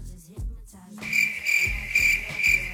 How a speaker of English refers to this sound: The crickets. That's pretty good. I mean, it's kind of cliche, but it's good. Used right.